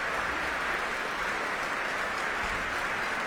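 Sustained audience applause at an orchestra concert as the whole orchestra stands to receive it, a dense, even wash of many hands clapping that holds steady at a moderate level throughout, with no voices standing out.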